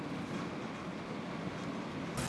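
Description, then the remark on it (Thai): A Malaysian electric train running on the line from Padang Besar to Butterworth, about 300 kilometres, heard as a steady, loud rumble and rushing hiss that holds without a break for a couple of seconds, with no voices. “ทีมงานวิถีอาเซียนได้ลองเดินทางจากด่านประดังเบซาโดยขบวนรถไฟฟ้าของมาเลเซียนี้”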